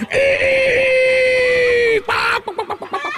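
A loud, strained crowing cry, likely a human voice imitating a rooster crowing at the top of its lungs, holds one high note for about two seconds, then breaks into a quick run of choppy, pulsing cackles.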